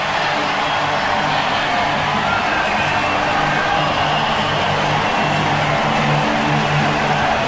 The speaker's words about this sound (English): Suns are up at home plate, and this crowd going crazy at PNC.